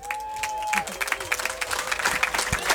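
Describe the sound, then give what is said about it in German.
An audience at the Sebelibum claps steadily for a music act, a dense patter of many hands, with a brief whistle-like tone rising over the applause near the start. “Herzlichen Applaus, meine Damen und Herren, liebe Menschen”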